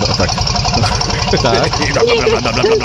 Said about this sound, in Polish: Stary dobry diesel, to słychać. A to dużo pali rzeczywiście.